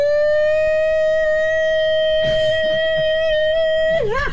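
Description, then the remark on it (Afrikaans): An air raid siren holds one loud, steady wailing note for about four seconds, then wavers and dips in pitch at the end. Some brief rustling noise passes underneath midway. “Ja, man, het luchtalarm wordt afgeschaft, hoor.”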